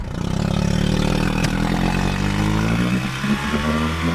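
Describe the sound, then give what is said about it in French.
A motorboat engine drones steadily and loudly, its pitch rising slightly as it revs, with no voices over the continuous mechanical hum. The boat is crossing the shallow salt-water lagoon of the Étang de Bages-Sigean, a trip of about 2.5 km to the bird island. “On a à peu près 2,5 km de bateau pour arriver jusqu'à l'île.”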